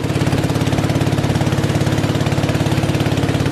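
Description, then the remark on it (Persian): A small boat motor runs steadily with a fast, regular chugging pulse, loud throughout, as a small boat carrying a Buddhist monk and temple dogs travels on a river to riverside villages in Thailand to collect offerings. “سگ‌هایی که به همراه راهب بودایی سوار بر قایقی کوچک برای جمع‌آوری نزورات راهی روستاهای کنار رودخانه می‌شوند.”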